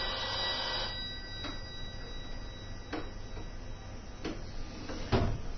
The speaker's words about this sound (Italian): Ovviamente il telefono suona adesso.